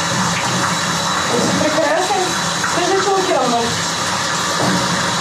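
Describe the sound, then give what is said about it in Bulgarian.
Bath water runs in a steady, even rush for several seconds, a constant hissing gush, for a bath given to Petlyu, a red-feathered rooster, while a voice murmurs faintly underneath. “На него му се полага, разбира се, баня, сешоар.”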